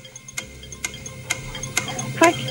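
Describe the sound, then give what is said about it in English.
A quiz game countdown clock, set to 40 seconds, ticks steadily, five crisp, evenly spaced ticks about half a second apart, clear over a quiet low background, with the last tick ringing slightly brighter. “40 seconds on the clock, so you remember it.”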